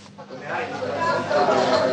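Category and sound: crowd, crowd shouting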